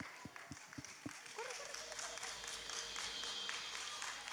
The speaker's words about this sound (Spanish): Vamos a recibirla con un fuerte aplauso.